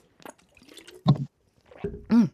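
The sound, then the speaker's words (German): A voice imitates a water balloon bursting with a mouth full of water, as a sound to guess in a game: soft wet sputters and gurgles, then two louder, splashy bursts. “Ja, Wasserbombe.”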